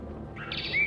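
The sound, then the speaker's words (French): A brief Western Orphean Warbler song phrase: a short, clear warbling burst that rises into a bright whistle, heard over a low background rumble, with no talking. “Il s'agit d'une fauvette orphée.”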